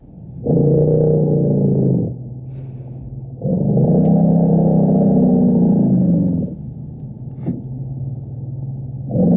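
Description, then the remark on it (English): Two long, deep elephant rumbles, each a loud, steady low drone lasting a few seconds, with a quiet pause between and a faint low hum underneath; a third rumble begins right at the end. “This is, in fact, an elephant rumble.”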